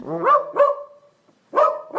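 An AI app's synthesized Dachshund dog voice barks four times, loud, in two quick pairs separated by a short silence, with the second bark drawn out into a brief whine.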